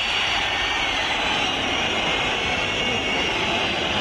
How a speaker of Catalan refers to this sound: Xiulets a Cornellà al Prat de l'afició de l'Espanyol, que no està, òbviament, gens contenta, molt decebuda amb el que li ha vist a l'Espanyol, al seu equip, en els primers 45 minuts